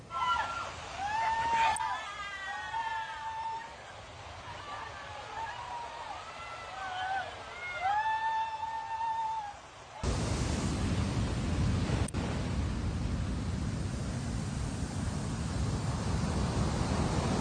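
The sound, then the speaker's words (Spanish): A voice talks for the first ten seconds, then a loud, steady roar of heavy surf caused by Boris takes over, waves 3 to 4 metres high crashing continuously on the beaches of the coast, such as Playa Ventura, Boca del Río and La Bocana, with no talk over it. “Los efectos de Boris provocó alto oleaje con olas de 3 a 4 metros de altura”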